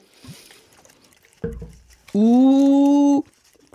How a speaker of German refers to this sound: Gurgelst du uns noch eins vor?